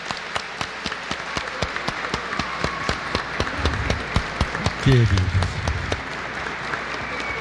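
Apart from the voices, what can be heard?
audience applauding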